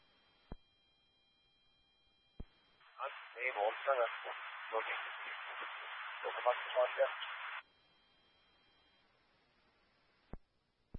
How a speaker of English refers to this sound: The rest was covered in static.